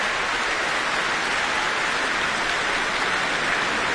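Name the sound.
applause and cheers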